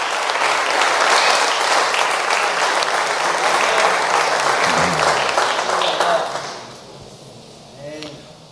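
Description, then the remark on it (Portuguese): An audience applauds loudly and steadily for about six seconds, a dense wash of many hands clapping in applause for Jesus, then it fades out as a single voice begins speaking. “Vamos dizer graças a Deus por esses parágrafos e palmas para Jesus.”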